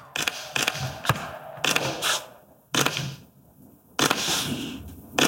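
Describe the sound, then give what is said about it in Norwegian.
Rapid bursts of camera shutter clicks from several press photographers photographing Crown Princess Ingrid Alexandra signing her oath to the Storting in the Yellow Salon at the Royal Palace, Norway. Sharp mechanical snaps fire in irregular clusters with brief pauses between, fairly loud and with no talking. “Vi hører også fotografene som tar bildet.”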